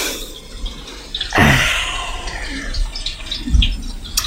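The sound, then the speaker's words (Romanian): Rain falling in a steady, hissing patter, with scattered drips and two louder splashing bursts partway through; no voices. “Și ploaia asta trage asupra.”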